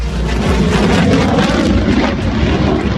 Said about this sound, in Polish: To symboliczne powitanie najnowocześniejszych samolotów bojowych w historii polskiego lotnictwa. Trzy pierwsze F-35 przyleciały do Łasku pod koniec maja, a dziś wykonują uroczysty przelot nad najważniejszymi miejscami w kraju.